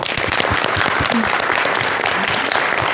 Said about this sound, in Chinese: 同学们，让我们再次要用掌声感谢罗老师给我们带来今天这堂精彩生动的一堂好课。